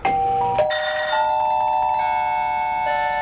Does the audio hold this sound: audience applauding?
no